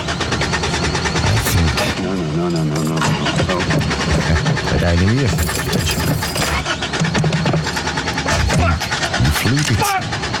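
A car engine, apparently flooded, cranks over and over without catching, the starter grinding loudly amid a dense, busy layer of other sound, with a voice briefly present.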